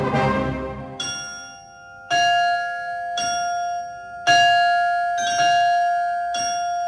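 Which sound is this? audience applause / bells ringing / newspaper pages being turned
bells ringing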